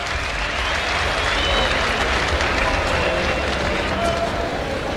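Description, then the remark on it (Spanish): A large bullring crowd claps steadily for the silence of the music as bullfighter Antonio Ferrera works a bull from the Campo Real ranch, a dense, continuous wash of applause, loud and unbroken throughout, with faint voices murmuring beneath it. “Bueno, palmas para el silencio de la música.”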